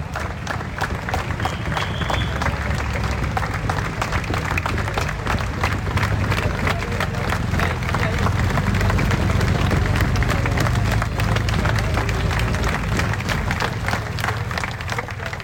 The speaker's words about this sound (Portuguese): Estas são as palmas do povo de Faf e de todos aqueles muitos milhares que estavam na chegada na Avenida 25 de Abril em Faf, quando o pelotão chegou após a etapa ter sido neutralizada.